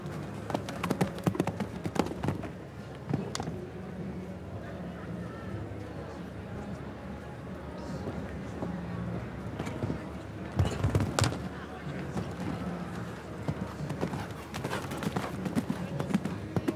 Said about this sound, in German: Lässt das Pferd frisch galoppieren.